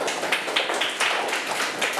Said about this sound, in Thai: เพื่อนๆ นะครับปลายทางได้ดูด้วยว่าสามารถเปลี่ยนให้เป็น36ได้ครับเยี่ยมมากเลยปรบมือให้เพื่อนหน่อยครับ